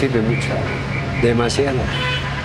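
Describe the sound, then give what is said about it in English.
Car horns toot in short bursts over a steady rumble of congested city traffic on the winding streets of La Paz, with indistinct voices mixed into the busy street noise. “the winding, car-choked streets of La Paz.”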